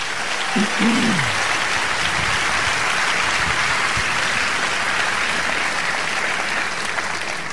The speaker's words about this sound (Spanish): Amén. Dar un aplauso a Cristo. Quiero oír ese aplauso.